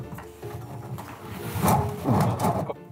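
A small, non-working hotel room safe is pulled out of its spot with one hand, producing rough scraping and sliding thuds that build into two louder pulls over a few seconds, with no one talking.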